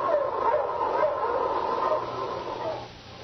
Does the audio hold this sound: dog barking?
yes